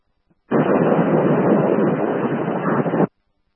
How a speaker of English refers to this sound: Response of static only.